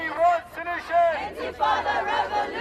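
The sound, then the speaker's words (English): A crowd booing and heckling the Prime Minister during his visit to Golders Green in North London, several raised voices overlapping in sustained angry jeers that rise and fall over a few seconds, loud. “The Prime Minister booed and heckled when he visited the area where two Jewish men were stabbed in North London this week.”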